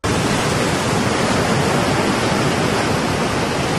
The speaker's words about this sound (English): Number two is like ocean waves or rain sound effects.